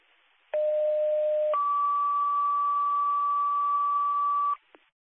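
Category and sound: signal or alarm, dispatch pager alert tones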